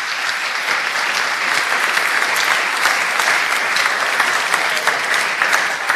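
Sustained applause from an audience for the two people responsible for the boys' quarters, a dense steady patter of many hands clapping at an even loudness for several seconds, with no voices rising above it.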